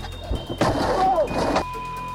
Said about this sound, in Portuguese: Dois socos que, em poucos segundos, quebraram o vidro do carro.